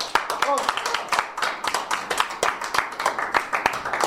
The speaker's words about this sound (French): Donc, on s'applaudit.